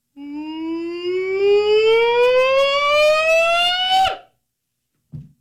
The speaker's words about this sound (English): Call the Hogs. I want to hear you call the Hogs.